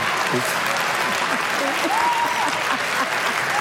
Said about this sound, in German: Warum auch immer jetzt Applaus ist, was ist so?